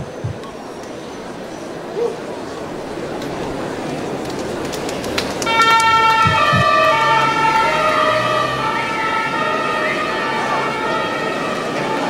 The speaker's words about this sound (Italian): Fermi lì, adesso ci facciamo dire se è tutto a posto lungo il percorso e facciamo un altro giro con sirene accese.